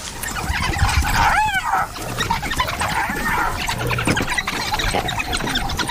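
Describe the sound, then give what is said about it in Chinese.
A pack of about ten African wild dogs mobbing a cornered spotted hyena that has hidden under a vehicle, with one loud, high rising-and-falling squeal early on over a dense, continuous chatter of yelps and whines close by. “非洲野犬还在威吓斑鬣狗，斑鬣狗在车下面，他躲到车下了。”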